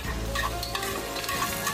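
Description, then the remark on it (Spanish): Steady sizzling of onion cooking in hot oil until it changes colour, with faint scraping as it is stirred, continuous with no voices. “Calienta el aceite y cocina la cebolla hasta que cambie de color.”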